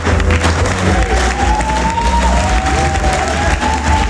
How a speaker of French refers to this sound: Sur fond musical et sous les applaudissements, Olivier Galzi arrive sur scène.